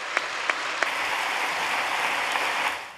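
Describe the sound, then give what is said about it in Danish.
Sustained applause from a crowd at a political party's annual meeting, greeting the election of a new deputy chair: a dense steady patter of many hands clapping for about three seconds, with a few sharper claps standing out near the start before it tapers off. “Jeg tager klapsalverne som udtryk for, at jeg godt kan konstatere, at I forvalt har valgt Christina som næstformand.”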